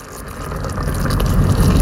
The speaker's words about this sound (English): Or potatoes overflowing with cheese just bubbling in the oven.